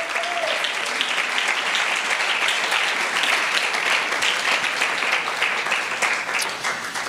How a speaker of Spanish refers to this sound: Si lo cree, dele ese aplauso a la gloria de Dios.